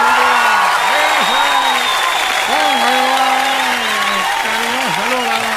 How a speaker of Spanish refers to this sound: Y él nos va a ayudar aquí, así que póngale bueno, un aplauso.